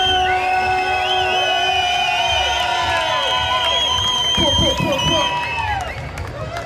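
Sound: crowd cheering and shouting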